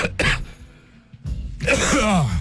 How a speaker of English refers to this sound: Oh, that's the universe sending me something in my throat for saying I was proud of myself. Pride comes before the cough, as they say.